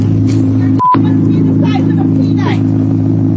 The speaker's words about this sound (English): He started his car. And as you heard, the hum of the Corvette Z06, the roar of that Z06 engine.